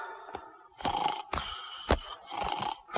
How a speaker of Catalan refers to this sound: S'hi està roncant!